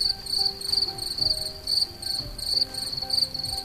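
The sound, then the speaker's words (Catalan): Crickets chirp in a steady, high-pitched pulsing chorus throughout, in a forest area burned by a wildfire. The sound is clear, with a faint low rumble of outdoor background and no voices. “De fet, l'únic que sentim són grills, ocells, cap.”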